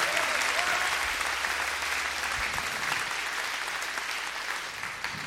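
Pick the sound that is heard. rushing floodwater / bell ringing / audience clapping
audience clapping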